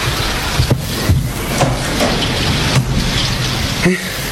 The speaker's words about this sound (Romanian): Și ploaia asta care mă nebunește.